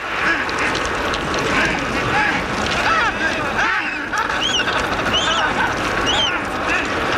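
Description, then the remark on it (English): A dense, noisy chorus of many Adélie penguins calling at once in a colony, with overlapping braying and squawking cries over a constant rushing background. “That is the sound of the Adélie penguin.”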